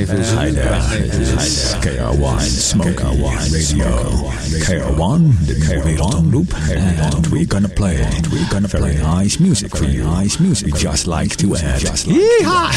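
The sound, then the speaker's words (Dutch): A voice run through an echo machine, its sounds smearing and repeating over one another in a loud, continuous, warbling wash that fills the whole stretch. “Het is leuk hè, zo'n echo-machine.”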